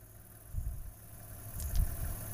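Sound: car engine running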